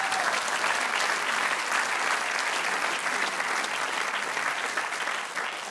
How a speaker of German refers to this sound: Da klatschen alle, die damals beim Bau nicht verstorben sind. Das ist schön.